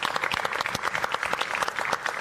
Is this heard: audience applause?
yes